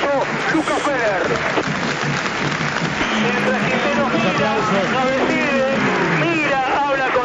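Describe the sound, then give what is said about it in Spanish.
A stadium crowd at a Vélez football match applauds as Matías Pellegrini is substituted off, a steady, dense wash of clapping that holds its level throughout, with voices talking and calling over the top. “Con muchos aplausos de los mejores jugadores de la cancha.”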